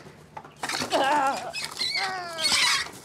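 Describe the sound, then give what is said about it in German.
A brooding hen squawks in alarm, a run of loud, harsh, wavering cries that start after a brief quiet moment and continue almost without pause. “Ja, macht natürlich richtig Alarm hier.”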